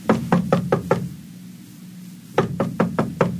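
Two quick bursts of five firm knocks on a door, evenly spaced, with a pause of about a second and a half between them; fairly loud, no voices.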